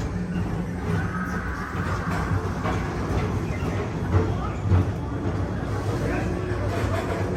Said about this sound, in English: Don't worry, your express train keeps on rolling through the future, right by two of my favorite spots.